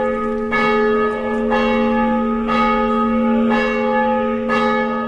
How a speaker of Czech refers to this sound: Zvono hrama posvećenog prazniku rođenja Presvete Bogorodice u gradiću 20 km severno od Segedina pozivalo je svoje odane vernike iz mesta, a njegov odzvon čuo se i u pomoriškim naseljima, prvenstveno u Novom Svetom Ivanu, Segedinu, a dopreo je čak i